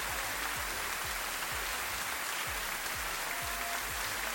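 An audience claps steadily for a contest winner who won two show tickets, a dense crackle of many hands holding at an even level for the whole stretch, with faint low thumps underneath and no talking.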